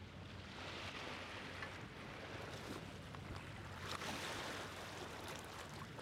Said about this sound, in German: Heuer hört sich der Bodensee aufgrund des niedrigen Wasserstandes etwas ruhiger an als vielleicht in den vergangenen Jahren.